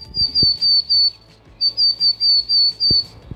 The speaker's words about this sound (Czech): Pokud typujete síkora lužní, máte taky pravdu.